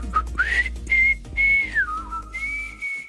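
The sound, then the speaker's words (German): A person whistles a short melody alone, clear, with sustained notes sliding between pitches and brief breaths in between, over a faint low hum. “Ein halber Ton hat gefehlt, glaube ich. Ich glaube, ich muss mal pfeifen üben.”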